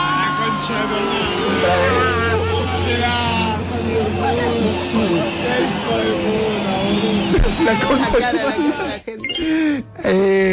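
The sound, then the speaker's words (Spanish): A loud stadium crowd roars and chatters throughout as drones are about to come out and people hold up phones, with a steady mechanical buzzing whine droning through the noise before the cheering briefly dips near the end. “Están por salir los drones, emoción, celulares así.”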